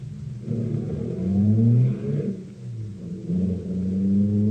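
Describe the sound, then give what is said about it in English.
Heavy fire engines rumble and rev as they draw closer, a deep droning roar with rising mechanical whine that swells in two waves, with no voices. “I like to hear the engines come. They have such nice bells.”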